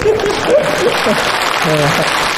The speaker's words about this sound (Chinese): 啊，哦，你大姑说了 啊， 住烟袋斜街，给你大姑鼓鼓掌。